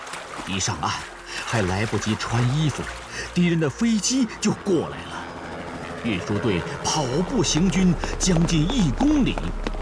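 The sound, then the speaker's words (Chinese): Several people wade and splash through an icy river in midwinter, carrying grain carts across, with a northwest wind, light snow and thin ice floating on the water; steady sloshing and trickling run underneath loud, indistinct voices calling out over it. “大家都跟着下了水。隆冬时节，西北风卷着小雪，河上还漂浮着薄冰块。”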